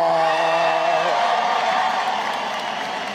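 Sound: audience applauding and cheering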